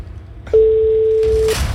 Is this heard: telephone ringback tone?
yes